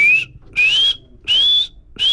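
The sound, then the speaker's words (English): A feeding call of Warrior, a bird of prey: loud, high, thin whistles that each slide slightly upward, repeated in a steady series of about three and a half calls with brief gaps between. “Benassi says you'd most likely hear a feeding call, which sounds something like...”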